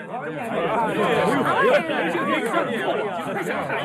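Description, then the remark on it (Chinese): A dense crowd murmur of many overlapping voices chattering at once, steady and fairly loud throughout, as a large theater audience pours out of the theater after the performance ends. “很快演出结束，大批的观众从剧院涌出来。”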